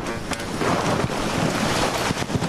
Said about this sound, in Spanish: estamos en la cabina, en el camión, en la cabina de transmisión de la cadena SER, pero es que ver las imágenes es una riada de agua y de bolas de granizo las que están circulando hacia abajo, bueno, en esta línea de meta.